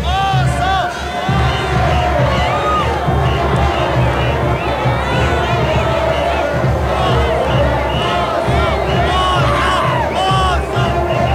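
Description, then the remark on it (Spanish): A loud festival crowd shouting "oso" and cheering as the diablada troupe Internacional Juventud Relámpagos del Gran Poder passes, a dense wall of overlapping voices with rising whoops and calls that stays steady and continuous throughout. “La gente, pero le encanta gritar oso por aquí.”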